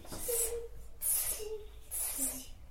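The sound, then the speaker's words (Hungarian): A child makes three sharp, hissing sounds to call a cat, in a steady rhythm, each breathy burst lasting about half a second with a faint voiced tone underneath, fairly loud. “Jó, hívjuk a cicát.”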